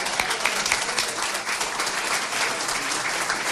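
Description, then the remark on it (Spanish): Sustained applause from a crowd, a dense, steady patter of many hands clapping at once with no pauses, holding an even loudness throughout. “Sí, vamos al cielo, tengo que aplaudirlo.”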